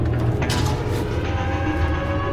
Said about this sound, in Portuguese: Ela mexe em uma gaveta.